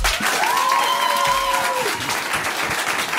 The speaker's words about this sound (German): Wir haben ein geiles Live-Publikum, was so geil klatschen kann.